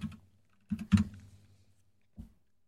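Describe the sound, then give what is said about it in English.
A few bursts of computer keyboard typing: a short cluster of keystrokes, a quick flurry of clicks, then a pause before one last tap. No one speaks. “Well, it's just the sound of me typing.”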